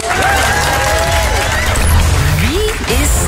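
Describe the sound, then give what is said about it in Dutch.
Loud, sustained applause from a crowd fills the whole stretch, dense and steady, with cheers and a few whoops or whistles rising over the clapping. “Dat mag doen na het applaus.”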